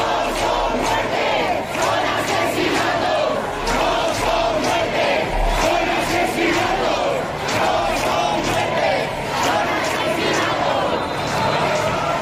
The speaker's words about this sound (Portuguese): Mari Carmen morreu esta noite no hospital e assim que se soube desta notícia, os protestos fizeram-se ouvir com a frase: "Não foi uma morte, foi um assassinato."